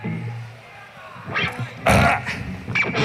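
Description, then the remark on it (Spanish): A loud, drawn-out burp bursts out, with a few rough, gurgling eructations in quick succession after a short low rumble. “Es irreverente, lo conocemos, espontáneo y natural, y le sigue haciendo gracia, por ejemplo, meterse un eructo.”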